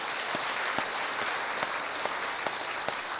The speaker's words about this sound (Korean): 여러분 따뜻한 박수로 맞이해 주시기 바랍니다.